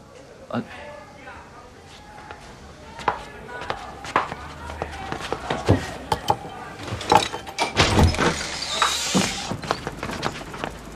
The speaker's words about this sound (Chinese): 哟，终于开门了。